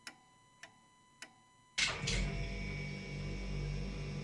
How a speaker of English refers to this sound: Oh, there goes my fridge. You hear that sound? It's the fridge sound.